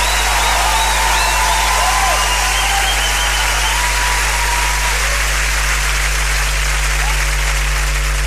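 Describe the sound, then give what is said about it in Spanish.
An audience applauds Vicentino continuously, a dense, steady wash of clapping that holds at an even, loud level for about eight seconds, with faint whistles and cheers rising over it early on. “Ese aplauso para Vicentino.”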